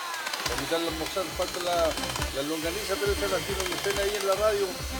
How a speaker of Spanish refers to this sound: No se le entendió nada. Tiene que apagar la batidora, amigo, para hablar. No se entendió nada.